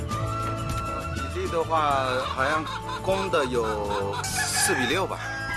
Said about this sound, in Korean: 이곳에서 자라는 귀비닭은 총 2천 마리 정도. 하지만 매일 알을 낳는 것이 아니라서 하루에 수거하는 달걀량은 생각보다 적은데요.